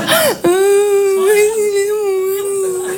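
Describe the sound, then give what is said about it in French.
A voice imitates crying: a quick whimpering catch, then one long, wavering, high-pitched sob held for a couple of seconds, loud, with no other sounds. “Et puis nous, les filles, quand on pleure, on a envie de dire plein de choses, mais on n'y arrive pas.”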